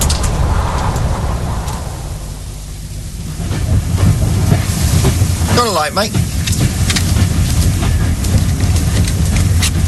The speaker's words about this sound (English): This train's taking forever. Yeah, the crawler, we call it. Goes all round the houses, see?